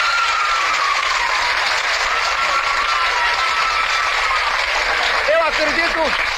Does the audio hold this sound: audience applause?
yes